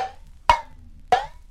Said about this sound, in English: Number 5 was an empty tin can.